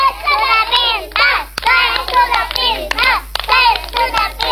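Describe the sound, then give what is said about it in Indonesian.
A group of children in a studio chant the 'Tepuk Anak Pintar' clapping chant, their high voices in unison punctuated by sharp, evenly spaced hand claps that mark the beat throughout. “Tepuk anak pintar.”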